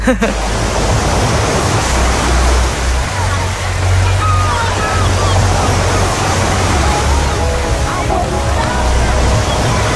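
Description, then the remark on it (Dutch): Ocean waves roar steadily and loudly throughout, a dense continuous wash of surf with a low rumbling hum underneath and no clear breaks between swells. “De golven komen eraan, hou je vast.”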